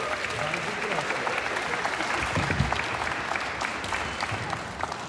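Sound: audience applause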